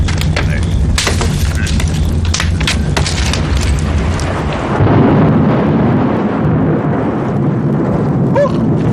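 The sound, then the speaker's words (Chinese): A loud roll of thunder, as rain is about to fall, rumbles continuously, deep and heavy, with crackling bursts early on and a fresh surge of rumbling about halfway through. “正是这么大的雷啊，吓我一跳。看看，要下雨了。”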